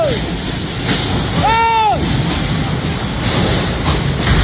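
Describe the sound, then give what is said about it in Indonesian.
A powerful, continuous roar of tornado winds rushes and buffets the microphone throughout, loud, with a brief rising-and-falling vocal cry cutting through near the middle, as the tornado blows roofs off buildings in an industrial area in Tanjung Sengkuang, Batu Ampar, Batam, Riau Islands, on a Wednesday midday. “Kamera warga merekam detik-detik angin puting beliung menerjang kawasan industri PT VMI Proses di Kelurahan Tanjung Sengkuang, Kecamatan Batu Ampar, Kota Batam, Kepulauan Riau.”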